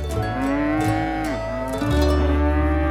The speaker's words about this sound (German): Ja, die Kühe sind lauter als dein Schnarchen, Stinkekäfer.